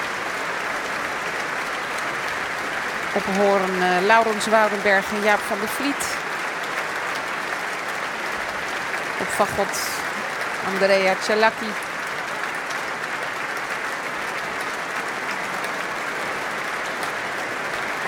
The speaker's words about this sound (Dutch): Groot applaus ook van de muzici van het orkest. En applaus nu ook voor de solisten uit het orkest.